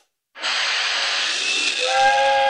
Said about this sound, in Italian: Ma che cazzo è un treno a vapore? Oh, il treno che esce dalla grotta.